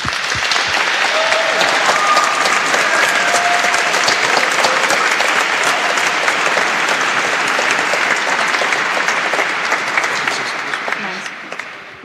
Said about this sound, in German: Und danke von Herzen, dass wir hier sein dürfen. Das ist nicht selbstverständlich und ist ein großes Geschenk für uns. Großer Applaus.